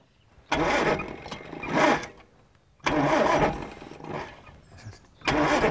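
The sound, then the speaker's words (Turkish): A car engine with over-advanced ignition timing is cranked in three harsh, labored bursts, each turning over roughly and loudly without catching smoothly, separated by brief pauses. No voices are heard. “Ateşleme fazla avanslı.”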